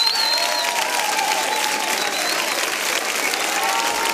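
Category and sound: crowd, audience applause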